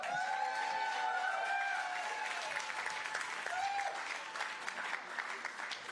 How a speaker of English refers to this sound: Let's send him out with a big cheer.